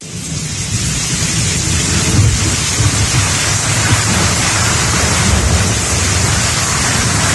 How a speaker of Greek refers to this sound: Βροχή ακούω, μπουμπουνιτά, νομίζω τέλειο τραγούδι, ε.